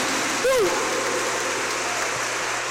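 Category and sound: crowd, loud applause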